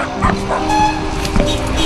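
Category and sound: animal, dog barking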